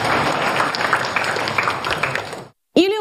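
An audience applauds with dense, steady clapping for about two and a half seconds to welcome the founder of the Nanchang Wuxing white crane protection area on stage to speak, then it cuts off abruptly to silence before a voice begins.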